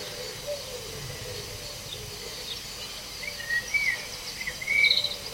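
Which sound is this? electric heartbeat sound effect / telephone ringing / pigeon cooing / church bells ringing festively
pigeon cooing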